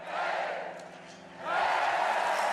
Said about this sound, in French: Ça se passe bien pour Sturla Holmlaegrid, on l'entend applaudi par le public allemand.